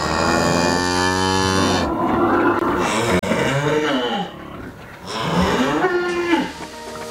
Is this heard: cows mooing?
yes